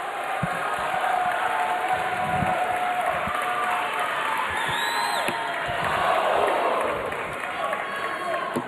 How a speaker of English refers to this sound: Crowd now comes to their feet as they sense it for the 13-year-old from Illinois.